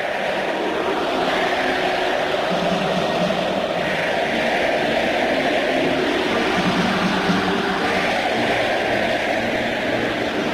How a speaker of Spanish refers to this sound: Incluso en el himno nacional fue muy conmovedor escuchar el Estadio Azteca rugir de la siguiente manera.